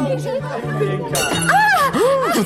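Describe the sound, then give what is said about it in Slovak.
A plate smashes with a sudden bright crash and clinking shards at a celebration for a young couple, midway through a crowd's lively chatter and rising, exclaiming voices that continue throughout. “A prečo rozbili ten tanier”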